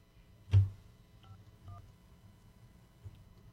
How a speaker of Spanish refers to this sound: Vamos a ver si nos contesta, le tocó la suerte a una damita, vamos a ver si responde la llamada. Vamos a marcar. Estamos marcando aquí ya rápidamente.